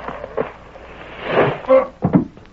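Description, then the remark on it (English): A wooden board stretched between the rafters creaks and splinters with a sharp crack under a person's weight, then the person falls from overhead and thumps to the ground in a couple of dull, loud impacts. “It was one of them boards stretched between the rafters, and it broke with his weight.”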